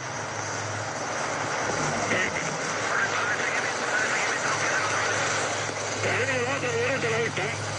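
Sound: small propeller plane engine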